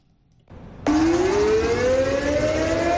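An air raid siren test at 10 a.m., sounded simultaneously across the province, starts abruptly after a low rumble and holds a loud, steady wail whose pitch climbs slowly upward, with no speech over it.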